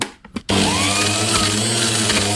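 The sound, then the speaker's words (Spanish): An electric blender switches on abruptly after a brief moment of quiet and keeps whirring loudly and steadily, a dense motor roar with a low hum underneath and no voices. “Dijo, la licuadora. ¡Ay! ¡Exacto! ¡Licuadora!”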